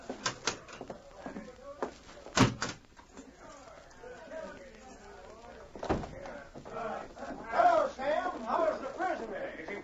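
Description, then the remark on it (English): A heavy cell door clanks shut with a sharp metallic bang, followed a few seconds later by another loud clack of the lock, while voices murmur and talk throughout. “I'd better get out of here and lock this cell door.”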